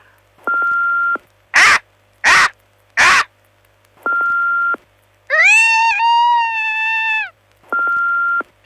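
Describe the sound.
People imitate the call of Max the Bald Eagle, Marathon's mascot: three quick, harsh caw-like squawks, then a long, wavering, high-pitched cry. Short, steady electronic beeps sound between the attempts. No one speaks.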